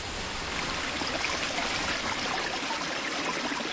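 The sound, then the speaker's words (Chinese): Yellow River water flows steadily with a continuous rushing, gurgling wash that holds an even loudness from start to finish, with no voices, at the Huayuankou hydrological station in Henan, China. “刚刚我从这里取了一瓶黄河水，这瓶水里有泥沙，也有故事。”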